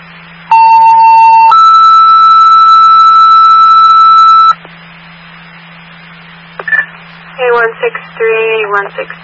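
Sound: emergency dispatch alert tones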